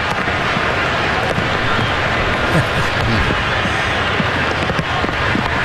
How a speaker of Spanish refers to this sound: Escuchen ustedes el micrófono del estadio, cómo está recibiendo la lluvia, que hace prácticamente amplificación, como si le estuvieran golpeando el micrófono.